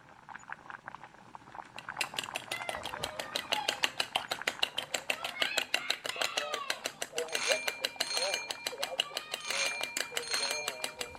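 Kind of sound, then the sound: household object, doorbell ringing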